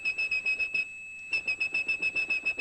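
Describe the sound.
A high, piercing whistled 2600 hertz tone, the telephone switching tone meaning a call had ended, repeats in quick, even pulses, pauses for about half a second, then resumes. It is loud, with no voices.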